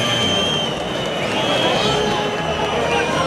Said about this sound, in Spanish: Que sí se lleva los pitos es el toro, ¿eh? Se lleva una pitada el toro sobrero monumental.